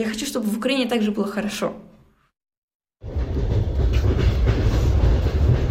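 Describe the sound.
A voice talks briefly, then after a moment of silence a train travelling to Kharkiv, Ukraine, rolls steadily along the rails, a loud, continuous rumble with a dense rattling clatter.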